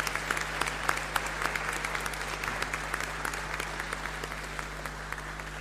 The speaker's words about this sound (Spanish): Así es que vamos a darle un fuerte aplauso a todas las hermanas aquí presentes.